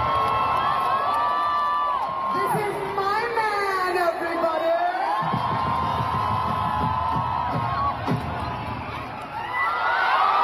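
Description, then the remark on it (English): A large concert crowd at a live concert in Delhi roars with deafening, sustained cheers as the singer on stage holds up her engagement ring, high-pitched screams and whoops rising over the dense roar for the whole stretch, with no break. “held up her engagement ring as the crowd erupted into deafening cheers.”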